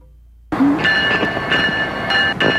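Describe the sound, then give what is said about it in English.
A train rolls past on the tracks, starting abruptly into a loud, steady roar with a high, ringing metallic squeal and a few rhythmic clacks from the wheels. “The railroad tracks are a good place to record because it gives you that, like, downtown-y feel.”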